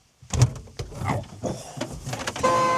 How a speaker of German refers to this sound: Das war die Hupe? Ja, das war die Hupe.